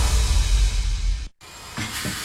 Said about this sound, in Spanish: Primo, ¿y ese taladro suena como si mordiera el cemento? Claro, hombre. Eso es un Magnum. Ese taladro trabaja más que yo un lunes con ganas de quincena.